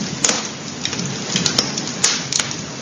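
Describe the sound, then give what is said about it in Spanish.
A crackling fire in the Sanabria area: a steady soft hiss broken by irregular sharp pops and snaps, a few clustered together, with no voices. “En nuestro recorrido por la zona de Sanabria no podemos dejar de escuchar el sonido del fuego. Junto a su crepitar se contaban historias y se cocinaba.”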